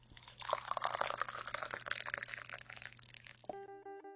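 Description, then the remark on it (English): Tea is poured into a cup with a steady splashing and trickling of liquid for about three seconds, then a short bright chime-like tone rings out as the pour stops. “Come and sip this tea because I'm pouring it while it's hot.”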